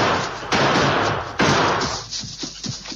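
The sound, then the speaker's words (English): Two loud gunshots ring out about a second apart, each trailing off in a long echoing roar, followed by several fainter, scattered pops as two men keep up spaced gunfire while hurrying down the steep slope of a gully. “The Lone Ranger and Tonto maintain spaced gunfire as they hurry down the steep slope of the gully.”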